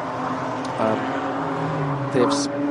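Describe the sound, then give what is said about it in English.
Race car engines in a qualifying session drone and whine steadily, their pitch rising and shifting as cars, some in groups, come out of turn seven onto the back straight, with a steady wash of noise and a voice talking faintly underneath. “There's a couple of gaggles of cars, one big one just coming out in turn seven now, hitting the back straight.”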